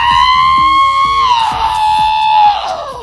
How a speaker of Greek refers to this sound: Αλλά σας έχω μια πολύ ωραία κραυγή. Ναι.